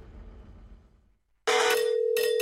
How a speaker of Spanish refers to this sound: Imagínate que el 31 de julio de este 2026 suena tu teléfono y del otro lado te dicen ¡felicitaciones!